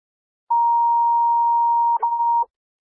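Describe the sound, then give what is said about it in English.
A steady, mid-pitched dispatch radio duty alert tone, sent as a test, holds for about a second and a half, breaks with a brief click, then resumes for another half second before cutting off. No voices. “Can you give me a set of duty tones, please?”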